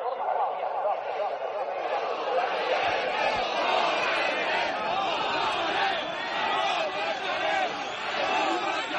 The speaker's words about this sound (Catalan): Els crits que sentiu són de les últimes manifestacions que pagesos i ramaders han protagonitzat arreu del país per protestar contra el menysteniment que, segons denuncien, continua arrossegant el sector,